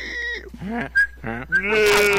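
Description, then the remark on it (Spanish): A goat bleats several times in quick succession, loud, each call a wavering, nasal cry with brief pauses between, the last one drawn out and strained. “Uy, sonó la vaca, miren quién llegó. Y el chivo también.”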